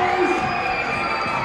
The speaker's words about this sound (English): Good crowd tonight. You can hear them getting involved.